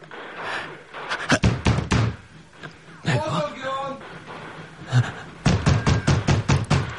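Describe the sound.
A door is wrenched and rattled hard in two bursts of rapid, loud banging, with a strained voice and heavy breathing in between.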